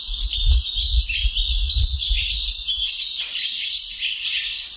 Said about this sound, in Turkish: Kırkırlangıcını Ensar Ertekin Bursa'da kaydettiler. eBird'in Kuş Sesi Kütüphanesi Macaulay Kütüphanesi'nde paylaştılar.